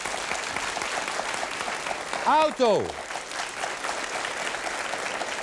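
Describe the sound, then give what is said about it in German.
Steady studio audience applause fills the whole clip as the audience votes by clapping, a dense crackle of many hands clapping. Midway, a single voice briefly shouts a word over the clapping, then the applause continues evenly. “Und die anderen, da waren ihren Applaus und waren alle gleich.”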